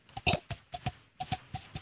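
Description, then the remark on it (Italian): Someone imitates a horse's clip-clopping hooves with crisp mouth clicks in a sound-effects demonstration, tapping out a steady galloping rhythm of paired beats over about two seconds, with no talking. “Il cavallo.”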